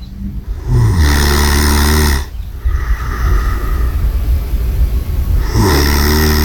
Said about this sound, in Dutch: Oké, dat is duidelijk. Gesnurk. Ja. Ik dacht, er komt nog iets anders, maar goed, nee. Van wie is deze snurk?